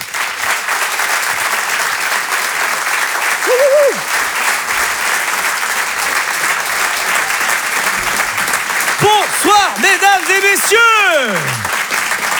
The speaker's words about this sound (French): Je vous demande de l'applaudir lui aussi très très fort, s'il vous plaît.